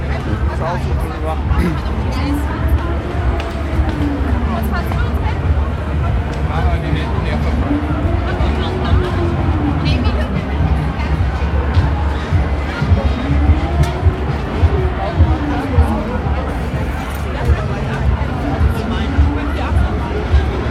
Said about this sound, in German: Das ist so eine Wasserbahn. Ja. Mit dem bin ich mal gefahren. Das ist harmlos.